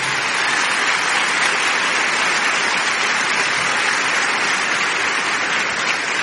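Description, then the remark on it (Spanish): Sustained audience applause welcoming a young man being introduced, a dense steady wash of clapping from a crowd that stays loud and even for several seconds without any voices. “Yo lo quiero muchísimo, yo quiero recibamos con un fuerte aplauso a este muchacho.”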